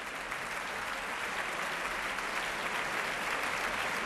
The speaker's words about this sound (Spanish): Era la interpretación de Lina González Granados al frente de la Orquesta Nacional de España, que ahora puestos en pie reciben esta ovación que estamos escuchando aquí en directo desde la Sala Sinfónica del Auditorio Nacional de Música en Madrid.